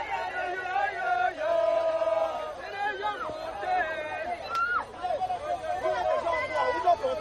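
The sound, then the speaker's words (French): A large, lively crowd of football supporters cheers and chants in a continuous roar as Cameroon's women's football team tours the town in vehicles with the continental trophy, voices singing and whooping together, steady and loud throughout. “Durant le trajet, une foule en liesse et des supporters enthousiastes.”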